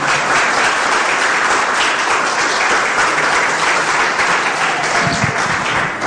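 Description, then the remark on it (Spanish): A church audience claps for the Lord during a sermon, loudly and steadily, a dense wash of many hands that holds at full strength for several seconds with no speech over it. “Le podemos dar un fuerte aplauso, pero poderoso aplauso.”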